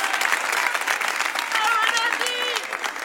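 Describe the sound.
A crowd applauds steadily throughout, a dense wash of clapping with a few cheers and voices rising above it, fairly loud and close.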